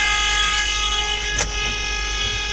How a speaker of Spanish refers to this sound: No, vamos que se escuchó, Se escuchó esa bocina.